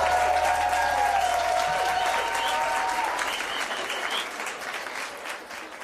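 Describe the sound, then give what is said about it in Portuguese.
Loud, sustained applause from an audience with cheering and whistles on top, a high whistle-like tone standing out early on, the clapping steady throughout and easing slightly toward the end. “gostou, faz barulho!”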